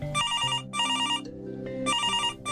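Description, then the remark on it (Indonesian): A mother's telephone rings in repeated bright trilling bursts, three rings with short gaps between them, fairly loud, over a low background hum. “Nah, kali ini punya ibu tuh yang udah telepon.”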